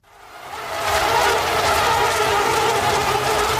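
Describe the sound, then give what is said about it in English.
A dense, steady whine of many mosquitoes buzzing together, fading in over the first second and then holding loud and continuous with a rough, high-pitched drone and no voices. “So that's a sound that might be familiar to many of you, the sound of mosquitoes buzzing around looking for a target to bite.”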